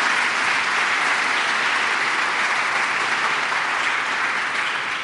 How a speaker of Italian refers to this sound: Alla mia sinistra abbiamo Bruno Vespa e alla mia destra Enrico Mentana, e adesso possiamo fare un applauso compiuto.